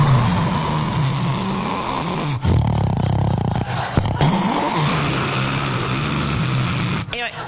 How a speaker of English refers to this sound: The snoring is, this is what always shocks me about snoring. There's no warning that it's coming.